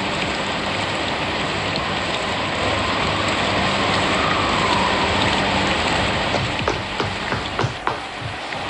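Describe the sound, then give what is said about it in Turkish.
Steady, heavy rain pours down continuously, a dense hiss of drops spattering on surfaces, with a few sharper drips and knocks toward the end. No voices are heard. “paltonu al, yağmur yağıyor.”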